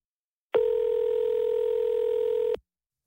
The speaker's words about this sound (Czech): A vzal jsem telefon a vytočil číslo Afriky a žádal jsem k telefonu mlsnou žirafu.